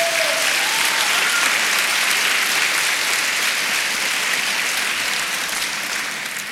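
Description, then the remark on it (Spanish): An audience claps for the Lord in a dense, steady wash of applause that holds loud and even for several seconds, then begins to thin slightly at the end. No one speaks over it. “Dele palmas al Señor.”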